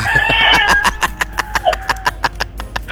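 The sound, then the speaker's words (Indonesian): A rooster crows in response, its strained call drawn out over the first second, followed by a rapid series of sharp, regular clucks and clicks, with no voices. “Aro langsung disauti ayam mangan dini teh.”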